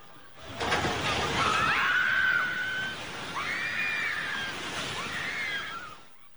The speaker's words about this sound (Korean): 3층짜리 건물이 순식간에 무너져 내립니다. 공포에 질린 이들의 비명과 자욱한 먼지가 주변에 가득합니다.